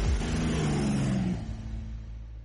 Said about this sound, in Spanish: Arreglando la moto.